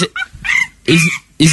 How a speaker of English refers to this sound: Is it a monkey? I think it is a monkey.